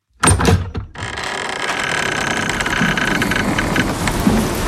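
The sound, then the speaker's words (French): A museum door opens: a few sharp latch clicks and knocks, then a steady, hissing wash of sound that sustains to the end, with no one speaking. “Bonne nouvelle, quand vous entendez cette petite musique derrière l'ouverture de porte, ça veut dire qu'il y a un cadeau derrière.”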